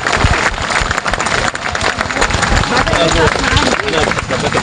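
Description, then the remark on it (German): Loud, sustained applause from a large theatre audience giving a minutes-long standing ovation to a university acting ensemble after a play, a dense wash of many hands clapping continuously with a murmur of crowd noise mixed in, filling the whole stretch without pause. “Standing Ovation und minutenlanger Beifall ertönen für das Schauspielensemble der Folkwang-Universität.”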